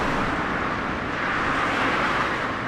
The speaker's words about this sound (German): Laster donnern im brandenburgischen Zossen, etwa eine Stunde südlich vom Berliner Stadtzentrum entfernt, durch die beschauliche Stubenrauchstraße. Eine von Linden gesäumte innerstädtische Allee, Teil der B96